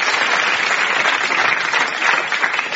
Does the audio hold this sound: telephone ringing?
no